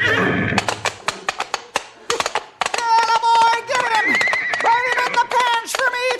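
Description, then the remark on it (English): A quick run of sharp hoofbeats from a horse charging at a man gives way to a loud, shrill horse whinny that wavers up and down for several seconds, with a few more hoof clops mixed in. “Look out for that horse, boss! He's coming for you!”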